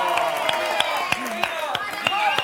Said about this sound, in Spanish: un aplauso para su dama.